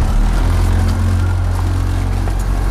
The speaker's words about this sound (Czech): a před námi stojí na hladině Vltavy 8-metrová motorová loď, ve které vy teď budete dělat svoji závěrečnou zkoušku. Všechno máme a můžeme ano. Do lodi. Ano. Odstrčíme a jedeme. Můžeme vyplout.